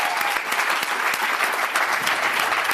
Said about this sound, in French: Je vous remercie tous et je vous invite à applaudir très fort la Vénus électrique.